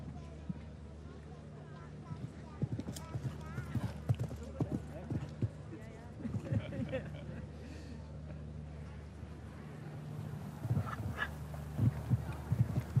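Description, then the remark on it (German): Rhythmic clip-clop of a horse's hooves galloping through a show jumping arena, a steady pattern of thuds over a low hum, with a voice talking over the hoofbeats. “Und ansonsten heißt es Halleluja galoppieren. Und das macht er.”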